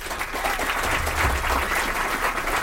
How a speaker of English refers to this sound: And of course, on the percussions, that talented master showman, …. So let's all get together from the Jazz Corner of the World and give them a great big round of applause.